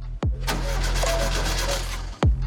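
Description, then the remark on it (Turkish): A car engine cranks and catches as someone presses the clutch and starts it to check whether it runs, settling into a loud, steady idle with a low rumbling hum. Sharp mechanical clunks mark the start and end, and no one speaks. “Debriyaja bas ve çalışıyor mu bak bakalım. Çalıştırıyorum.”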